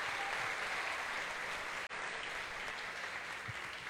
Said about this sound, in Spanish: Un aplauso para ellos.